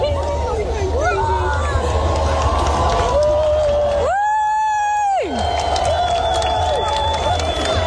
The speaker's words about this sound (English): So that's people enjoying it. This is them clapping when the sun comes up.